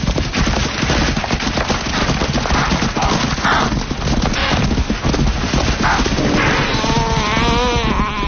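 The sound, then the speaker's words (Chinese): Loud, continuous drumming of many hooves as a herd of wildebeest stampedes through dry grass at night, driven by a chasing lioness's heavy footsteps toward a waiting lioness, a dense rumbling rush with animal grunts and calls rising near the end. “现在毫无防备的牛羚群两侧各有一头狮子，追赶者开始行动，他沉重的脚步声使牛羚群向着捕捉者涌动。”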